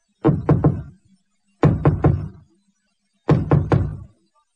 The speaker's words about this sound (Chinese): 跟着蔡小姐上楼之后，往右手一拐，看见有一个门，就看蔡小姐来到房门前边，轻轻地敲门。